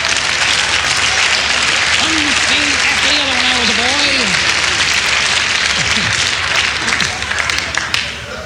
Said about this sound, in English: Thank you very much for applauding on that. Thank you.